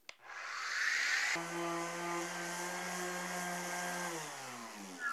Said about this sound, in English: Now, of course, on a bigger project, you're going to want to bring in the power tools. I've got an orbital sander here loaded up with 60 grit sandpaper made for this specific tool, and this will take it off super quick.